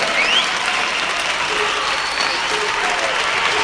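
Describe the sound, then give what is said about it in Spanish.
Steady, dense applause from a sizable audience, many hands clapping at once in a continuous roar that holds at a loud, even level throughout, with no pauses or speech. “aplaudir.”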